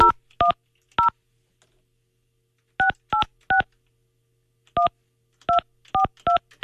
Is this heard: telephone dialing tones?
yes